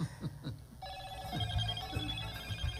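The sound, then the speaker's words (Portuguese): A telephone rings with a bright, sustained electronic tone that starts partway in and continues steadily, fairly loud, with faint low background murmur underneath. “Eu vou pra outro telefone. É telefone chegando de todo canto, irmão.”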